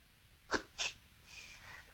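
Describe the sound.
A caller to a radio show vocally mimics a can being opened as a reverse secret sound: two sharp, breathy pops in quick succession, followed by a softer, drawn-out hissing fizz that fades out.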